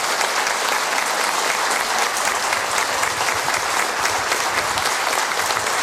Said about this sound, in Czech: Dneska, když jsme u těch výročí, slaví své narozeniny, bohužel to není s námi, protože je nemocná, režisérka Tobogánu Ivona Žertová. Ivono, tenhle potlesk je pro tebe a přání od celého divadla.